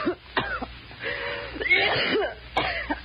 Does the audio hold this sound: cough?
yes